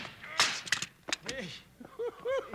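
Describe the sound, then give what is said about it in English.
A sharp gunshot cracks out, followed by a couple of quicker, lighter bangs, then a man's voice lets out short exclamations. “Wow, what a shot.”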